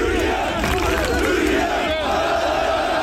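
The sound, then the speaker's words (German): A loud, dense crowd of Turkish football fans cheers and shouts continuously, celebrating their team's World Cup comeback, voices rising and falling in a steady roar, with sustained tonal honks of car horns running underneath the celebration. “Ja, mit ein bisschen Hupen im Hintergrund.”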